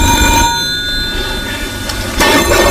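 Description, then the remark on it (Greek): A telephone bell rings loudly and steadily in a food shop, its bright metallic trill sustained through the moment, with a brief clattering burst near the end and no voices. “Πάρ' το τηλέφωνο, ρε.”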